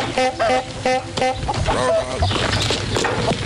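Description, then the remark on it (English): An old car rattles through a farm amid a flurry of clucking, squawking chickens; a few sharp, repeated calls open the scene before it dissolves into a loud, busy barnyard commotion. “That was an old car going through a farm.”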